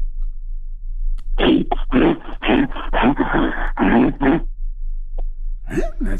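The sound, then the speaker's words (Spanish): A person imitates a bear's growl with a quick run of harsh, breathy rasping bursts lasting a few seconds, fairly loud, then a short rising vocal sound near the end. “Pues mira, no sé si se parezca a oso, pero animal sí pareces.”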